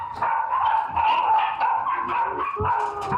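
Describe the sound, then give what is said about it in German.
Several puppies bark and yip continuously in high, overlapping bursts, loud, with occasional whimpering squeals mixed in and no talking; a veterinarian judged the puppies' health and behaviour to be poor. “Die Tierärztin zieht ein verheerendes Fazit zu Gesundheit und Verhalten der Welpen.”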